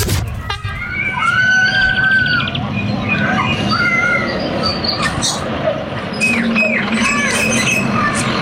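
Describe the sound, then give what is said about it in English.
A busy chorus of many birds chirping, whistling and squawking over one another without pause, set against a steady low rumble in the background. “Gotta say, lots of birds again.”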